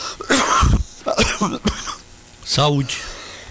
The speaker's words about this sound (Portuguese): pegou a tosse também. É verdade, mas são ossos do ofício. A tosse de origem alemã. Foi lá para Blumenau e pegou.